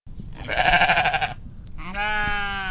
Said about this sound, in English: Sheep are one of the newest additions to Soil-Borne Farms.